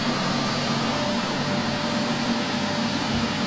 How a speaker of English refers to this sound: This is what it is. Vacuum.